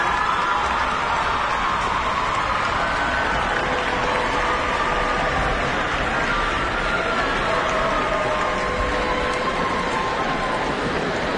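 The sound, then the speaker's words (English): Sustained applause from a large audience for the choir Bel Swono from Waikato Diocesan School for Girls, a dense, even roar of clapping that holds steady at full strength for the whole stretch without fading. “Yes, you can applaud.”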